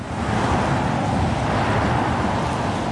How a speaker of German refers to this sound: Der Kreisverkehr Stahnsdorf-Waldschenke. Ohne Pause fahren Autos hier entlang.